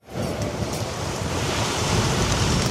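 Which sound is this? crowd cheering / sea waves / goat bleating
sea waves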